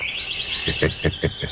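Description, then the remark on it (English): A sparrow chirps with no one talking, a steady high twittering that breaks into about five quick, sharp chirps toward the end. “Yes, I agree with you, Mr. Sparrow.”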